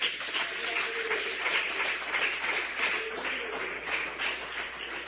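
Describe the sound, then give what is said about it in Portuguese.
An audience applauds Jesus with dense, steady clapping that fills the whole stretch at an even, moderate loudness, with no voices rising above the crowd's hands. “irmãos, se assentem, fiquem à vontade e aplaudam a Jesus com muita alegria.”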